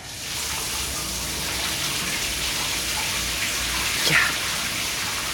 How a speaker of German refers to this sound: Zeit für eine coole Dusche.